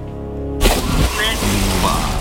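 A single cannon shot, loaded with pizzas from pizzeria Fokulus and fired at target Č1, booms out abruptly after a steady droning tone, followed by a rough, rumbling tail with some splashing texture; loud.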